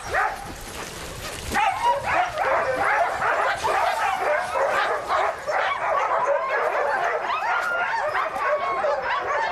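A pack of sled dogs barks and yips continuously and excitedly, many overlapping high-pitched yelps and whines filling the air, loud and chaotic with no pause.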